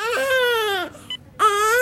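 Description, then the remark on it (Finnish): A newborn baby cries loudly, two long wailing bursts split by a short gasping pause, with no one talking. “Siinä se nyt on. Meidän oma vauva.”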